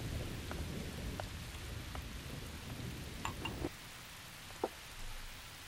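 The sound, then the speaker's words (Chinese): Heavy rain pours down steadily with scattered drips and splashes, while a low rolling rumble of thunder fills the background before easing off partway through. “我在想，燕双鹰被全城通缉，又遭遇这么大的雷雨，今天夜里也不知道他会住在哪儿。”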